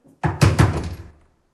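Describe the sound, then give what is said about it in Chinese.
Three firm knocks on a door in quick succession, loud, each with a short resonant thud fading into a brief ring-out. No voices accompany them. “我知道你在里面，出大事了，快开门！”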